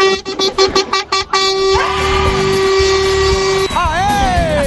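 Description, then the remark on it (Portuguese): A loud truck horn honks: a rapid series of short blasts, then one long sustained blare that ends in a wavering, bending tone. “Ativa vai, buzina, buzina, buzina, buzina aí.”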